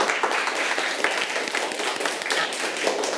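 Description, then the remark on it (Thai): A crowd applauds the first group after their role-play performance, a dense stream of many overlapping hand claps held at an even, moderately loud level for the whole stretch, with no voices standing out. “ปรบมือให้กับกลุ่มที่1ค่ะ”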